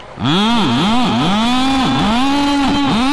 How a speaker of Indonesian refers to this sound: Pasang knalpot blok.